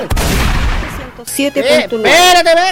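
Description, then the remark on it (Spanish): A single loud air shotgun shot bursts out at the start and rumbles away over about a second, followed by people talking and exclaiming excitedly. “Oye, la escopeta, ¿qué escopeta de aire esta cuestión?”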